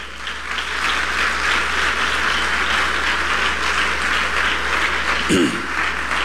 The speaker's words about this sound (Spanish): Alguien dé un fuerte aplauso al Señor.